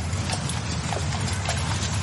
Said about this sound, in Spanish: Y ese sonido que escuchas es el de los carros que llevan todo tipo de mercancías. Llevan herramientas, llevan arena y piedras para la construcción, llevan sacos de cereales, llevan ánforas, frutas, maderas. Y hasta llevan animales algunas veces.